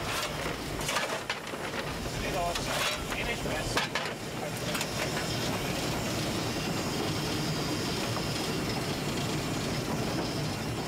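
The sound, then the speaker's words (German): A narrow-gauge steam train runs steadily past the Kartause Marienthron in Gaming, Austria, about 3 km into the trip, with a continuous loud rumble and hiss. Its Austrian locomotives, one built in 1890 and a U1 built in 1898, both came from Krauss in Linz. A few sharp clanks and rattles come in the first four seconds before the noise settles into an even roar. “Nach etwa 3 Kilometern dampfen wir an der Karthause Marienthron in Gaming vorbei.”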